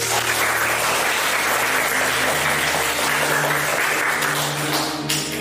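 A crowd claps steadily for several seconds to welcome a speaker who will explain two aircraft, a dense, even wash of applause that holds at full loudness throughout with no voices over it.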